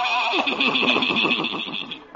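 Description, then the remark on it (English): A buggy horse lets out one drawn-out whinny, its pitch quavering and wobbling rapidly for about two seconds, loud with no talking over it. “Old Doc Yak Yak and his horse and buggy.”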